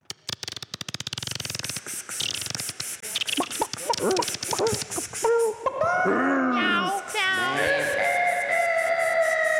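A short produced jingle introducing the next segment: a rapid stuttering burst of clicks, then warbling, voice-like sweeps that settle into bright, sustained synth tones, loud throughout.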